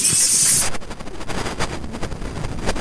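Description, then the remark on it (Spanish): An audience claps hands in praise to God during worship, in loud, dense, continuous applause, a rapid crackle of overlapping slaps that keeps going without pause, with a bright hiss at the very start. “Que llegue a su presencia tu aplauso.”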